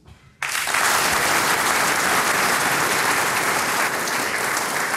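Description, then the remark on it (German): Loud audience applause for musicians from Styria and Upper Austria on a stage bursts in after a brief quiet moment and continues steadily, a dense wash of many hands clapping, with no one speaking. “Und wie ist es, der größte Lohn für Musikanten ist neben dem Bier der Applaus.”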